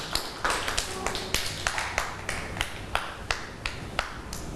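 A group of children in a classroom clap their hands for a classmate in a loose, uneven rhythm, with many sharp, bright slaps overlapping for several seconds at a moderate level and no voices.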